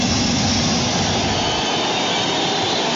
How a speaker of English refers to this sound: And a crowd rising here at Dodger Stadium.